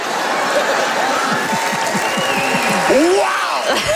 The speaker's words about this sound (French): Hey, des applaudissements pour des blagues de religion et de système de santé. Wow.